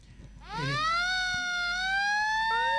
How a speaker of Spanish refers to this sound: ¿Habría sirenas? Sirenas solamente de la policía o de las ambulancias y de los bomberos.